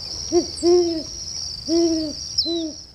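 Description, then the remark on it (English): A Great Horned Owl gives four deep, soft hoots in an uneven rhythm, the middle ones drawn out longer, against a constant high-pitched insect buzz in the background. “This has been WSHU's Birdsong Break featuring the Great Horned Owl this week.”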